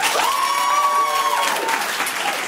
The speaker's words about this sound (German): Hier sitzen 60 Leute, die alle geil sind. Wir hören sie jetzt klatschen.